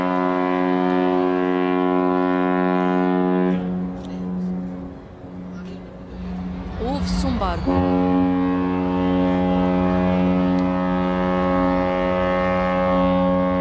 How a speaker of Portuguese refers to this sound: O som do barco e também muita agitação enquanto novos postos vão sendo colocados aqui neste estádio dos Barreiros.